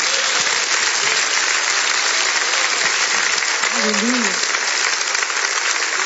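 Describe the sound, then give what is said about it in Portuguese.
A church audience applauds for Jesus during worship, a dense, even wash of clapping for several seconds, with a brief voice faintly heard beneath it. “Vamos recebê-la com aplauso para Jesus.”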